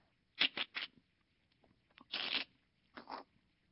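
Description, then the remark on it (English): Brittle, crunching cracks in short bursts: a quick cluster of three, then a longer grinding crunch and one more crackle, fairly quiet with silence between, as an egg breaks inside a snake's body while the snake bends its body at a right angle. “The snake had a place where it could break the egg right in its body.”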